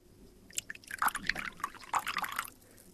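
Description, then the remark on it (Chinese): Water is poured into a cup for a guest, a soft burbling splash with bright gurgles that lasts about two seconds and then stops. Nobody speaks. “快给客人倒水。”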